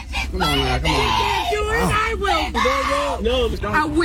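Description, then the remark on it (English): A woman screams in pain as another woman bites her leg during a brawl on the 4th of July, her loud, strained cries rising and falling in pitch in an unbroken stretch of wailing for about four seconds. “She was, the lady getting bit, assuming is that person screaming.”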